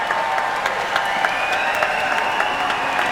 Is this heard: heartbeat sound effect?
no